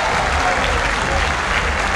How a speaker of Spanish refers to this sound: Aplausos para Boca. Final del primer tiempo en la Bombonera.